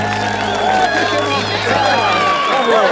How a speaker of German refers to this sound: Was für ein Applaus.